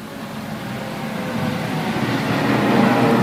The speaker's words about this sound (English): You heard that? Aeroplane above here. Where are they flying to?